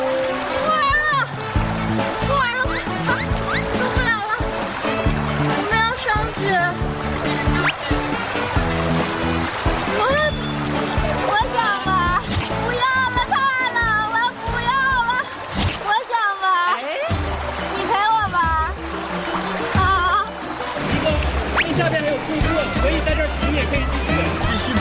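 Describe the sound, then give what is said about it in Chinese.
Steady rushing, splashing water from a waterfall below fills the background while several people talk and call out over it, with the water noise continuous throughout. “下面有瀑布，从瀑布下去，啊，不行吧？”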